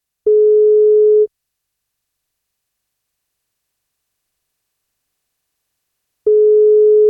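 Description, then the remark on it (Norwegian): A telephone ringback tone on an outgoing call from radio station 1FM to a listener for a birthday wake-up call: two steady, mid-pitched one-second beeps separated by a long silence of about five seconds, with no voices. “men da må hun svare når vi ringer.”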